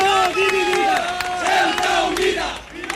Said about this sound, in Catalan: Doncs mira, això que sentiu són els crits que se sentien fa uns moments a una plaça molt cèntrica de Ceuta, la plaça de los Reyes, on s'havia convocat una manifestació d'extrema dreta.